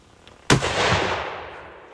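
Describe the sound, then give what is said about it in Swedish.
A single loud shot from a shoulder-fired gun, fired by a minister during test firing, goes off with a sharp crack, then rolls away in a long echoing tail. Otherwise quiet, with no voices. “Sitter den bra på axeln, tycker du? Uppsatt. Då kommer skottet.”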